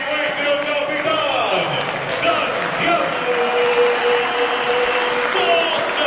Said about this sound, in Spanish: Rojas y Sosa muy aplaudidos.